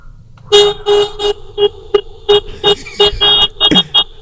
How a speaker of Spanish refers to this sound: Échale más pitidos. Échale más claxon. Que salga Doña Mago, que vive a un lado de chismosa, a ver por qué estás pitando...